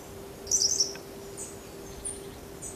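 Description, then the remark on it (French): Light, high-pitched bird twittering in short bursts, a cluster of quick chirps followed by a few fainter tweets over a steady low background hum. “Léger gazouillis qui contraste avec la rigueur”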